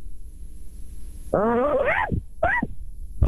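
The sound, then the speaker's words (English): A human voice imitates a dog barking as a requested sound effect: a long, wavering, whiny cry followed by a shorter yelp and a brief final burst, with no talking in between. “How about a dog bark?”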